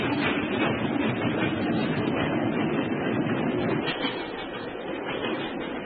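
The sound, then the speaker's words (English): A train on the British railway pulls away with a steady, dense rumble and clatter, fairly loud and continuous, easing slightly toward the end; no voices can be heard. “Stop the train, I say!”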